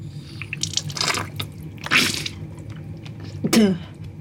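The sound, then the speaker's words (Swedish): Watery sounds from a nasal rinse with salt water to flush out pollen: a few gurgling, splashing bursts and drips spaced over several seconds against a low steady hum, with no one speaking. “Idén är ju enkel. Saltvatten in och pollen och annat slagg ut.”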